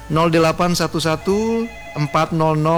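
A telephone rings through a line on an incoming call during a radio call-in segment, in a quick series of bright, melodic tonal bursts with one longer held note, loud with nothing else around it.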